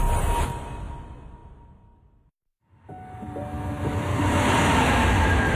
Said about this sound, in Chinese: 地铁穿梭，城市喧嚣，人潮匆匆，擦肩而过。